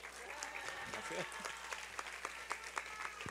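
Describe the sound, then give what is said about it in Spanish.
An audience bursts into steady applause for the town of Actopan, Veracruz, a dense patter of many hands clapping at a moderate level for a few seconds, with sharper individual claps popping out near the end. “Un aplauso para Actopan.”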